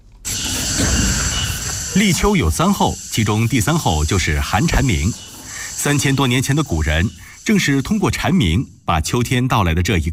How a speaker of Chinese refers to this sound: 随着天气转凉，蝉鸣变得微弱，急促沙哑，预示着秋天到来。